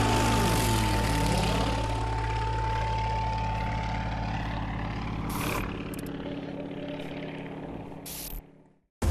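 A racing propeller plane in a pylon race, flying a set course between pylons, roars past, its loud, buzzing engine drone sliding downward in pitch as it goes by, then holding a steady growl before cutting off abruptly. No one speaks.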